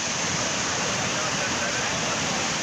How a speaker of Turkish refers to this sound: Burası da Bursa. Keles ilçesinde sağanak sele dönüştü. Önüne ne geldiyse sürükledi, bazı evleri su bastı.